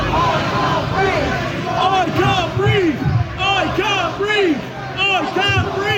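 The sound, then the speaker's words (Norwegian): An angry crowd in Southampton on a Tuesday evening shouts in loud, rhythmic unison, chanting "I can't breathe", many voices rising and falling together in a steady chant over a dense roar of babble. “En illsint folkemasse roper taktfast.”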